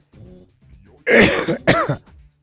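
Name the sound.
a cough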